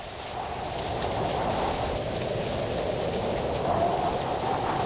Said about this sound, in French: Tout doux, mon doudou, tend ses deux petites oreilles. Il écoute le vent dans les arbres. Et toi, tu entends le vent dans les arbres?